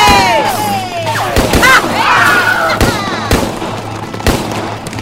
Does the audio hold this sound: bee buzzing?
no